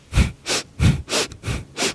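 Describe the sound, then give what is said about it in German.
Quick, rhythmic breaths of a breathing exercise done fast while swinging the body side to side, airy in-and-out rushes alternating with soft low thuds of movement, about three breath cycles per second, with no talking. “Genau, und das können wir auch schneller machen. Das klingt dann so.”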